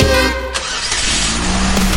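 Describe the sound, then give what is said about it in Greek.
Go-kart engines at the Kart Zone track in Agrinio crank and roar to life, a loud, continuous revving drone with harmonic whine rising after a brief initial burst, steady throughout. “Η αδρεναλίνη ανεβαίνει. Οι κινητήρες παίρνουν μπροστά. Και η δράση ξεκινά.”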